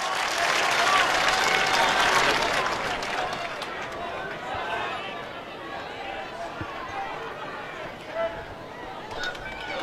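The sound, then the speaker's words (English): A Kokona baseball crowd cheers and claps during an at-bat with runners on first and second, a dense, sustained roar that is loudest in the first few seconds, then settles into steady applause and murmuring chatter. “You can hear that Kokona crowd. They're into it.”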